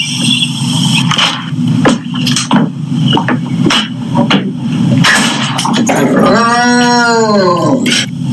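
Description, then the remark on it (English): A cat named Friendly gives one long, drawn-out greeting meow that rises and falls in pitch as she comes in the doors, following several seconds of clattering knocks and bumps over a steady low hum. “I'm so proud to say Friendly with her greeting.”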